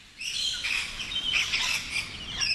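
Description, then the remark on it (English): Rainbow lorikeets feeding on a raised strawberry crop chirp and screech in a busy, continuous chorus, their shrill overlapping calls filling the air at a steady, fairly loud level with no one speaking. “But Laura Wells wasn't predicting that raising the height of the crop would create a strawberry snack bar for rainbow lorikeets.”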